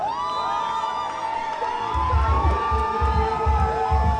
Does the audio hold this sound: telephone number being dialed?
no